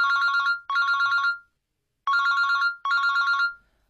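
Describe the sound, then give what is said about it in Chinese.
A mobile phone rings with a bright electronic ringtone, two pairs of warbling bursts separated by a short pause, loud and alone with no voices, waking someone on a Saturday. “可是这个周六他却是被手机给吵醒的。”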